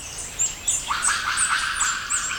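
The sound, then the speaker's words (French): A monkey moving through the trees overhead gives shrill, high-pitched cries that repeat in quick, chirping bursts, rising and falling over a steady hiss of higher calls, fairly loud with no talking. “Avec ses petits cris aigus, ça ne peut être qu'un singe.”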